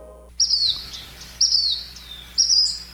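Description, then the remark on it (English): A bird calls three times at an even pace, each call a bright, high, slightly descending whistle lasting about half a second, clear against a quiet background. “There's that mystery bird again.”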